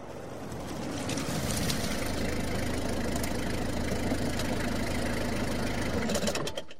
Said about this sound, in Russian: Когда наступил рассвет, Любовь Александровна увидела в окно подъехавшую машину мужа.